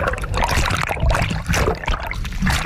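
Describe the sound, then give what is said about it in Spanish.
Loud splashing and churning water for a few seconds as people in diving gear go into the sea, plunging in and thrashing about, with no voices. “Venga, nos metemos en el agua.”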